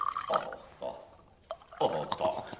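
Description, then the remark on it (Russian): Liquid splashes and gurgles as a drink is poured into glasses in a few short bursts, with brief pauses between pours and a longer pour at the end. “Ну что вы, князь, налейте бокалы сами.”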